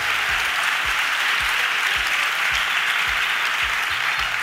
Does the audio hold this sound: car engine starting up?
no